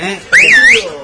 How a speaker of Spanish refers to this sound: ¿Quién está silbando ahí? Ahí está.